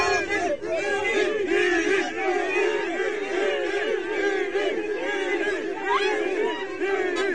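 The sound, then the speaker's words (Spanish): A large crowd at the exit of the Santiago Bernabéu stadium shouting and cheering "Vinicius" as he leaves, many overlapping voices forming a dense, loud roar with repeated chant-like calls rising and falling throughout. “Mucha gente gritando Vinicius y él sonriendo en la salida del Estadio Santiago Bernabéu.”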